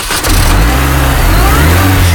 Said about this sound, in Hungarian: Na akkor most megmutatom, hogy indul a világ első pálinka meghajtású autója. Figyelj!